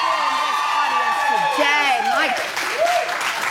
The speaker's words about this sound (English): You need to give yourselves a round of applause for the fashion.